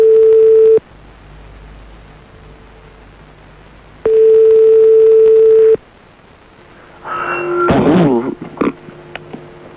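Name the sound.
phone ringing tone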